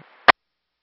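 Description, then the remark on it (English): A faint, thin radio hiss gives way to one short, sharp burst of static, then abrupt silence. The burst is loud and crackly, lasting only a fraction of a second. “Static.”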